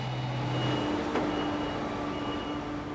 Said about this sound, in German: Die Feuchtigkeit auf dem Feld bleibt nicht ohne Folgen. Ein Trecker muss abgeschleppt werden. Der Boden ist tief und matschig.